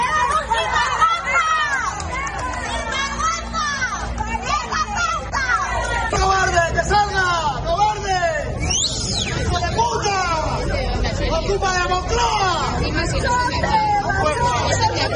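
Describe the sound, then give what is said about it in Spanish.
A crowd shouting and jeering at the Spanish prime minister as he arrives in Noblejas, Toledo, to visit an industrial complex, a dense, continuous roar of overlapping voices, loud throughout with individual yells rising above the babble. “Subjetivos, ¿eh? Sí, son gritos, sí, subjetivos.”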